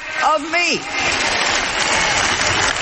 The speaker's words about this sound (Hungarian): Tudjátok mit? Most mind tapsoltok, de azt szeretném kérdezni, hogy el fogjátok-e kezdeni ezt csinálni.